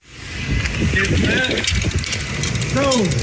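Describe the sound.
Bicycle gears and chain tick and rattle while biking a half marathon in Kotzebue in the Northwest Arctic, on mostly dirt roads and a rocky shoreline, on a windy, overcast day, with scattered clicks over a steady roar of wind and muffled voices rising and falling.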